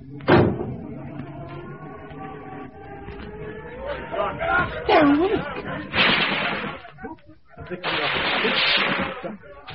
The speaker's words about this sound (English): Shut the doors.